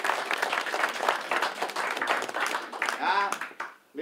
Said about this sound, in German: Applaus für die Damen.